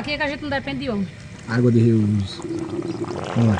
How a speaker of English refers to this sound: Water is slowly trickling out of black rubber hoses along the cactuses